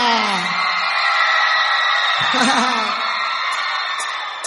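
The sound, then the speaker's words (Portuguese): A loud audience shouts and whoops together in a dense, sustained roar, with excited voices rising and overlapping throughout. “Podem gritar!”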